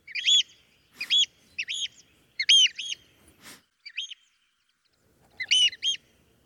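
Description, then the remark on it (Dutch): A flock of birds flying over a building, with a nest nearby, gives repeated high, shrill screaming calls in short bursts, with brief gaps between them, loud against an otherwise quiet background with no one talking. They are heard every morning. “Elke ochtend horen wij namelijk deze school extra luid over het gebouw vliegen, omdat hij vlakbij een nest heeft gemaakt.”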